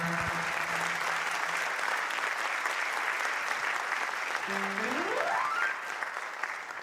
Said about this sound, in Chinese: 哎，感谢大家的掌声，谢谢大家。